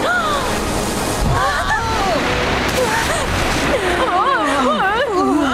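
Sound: ocean wave crashing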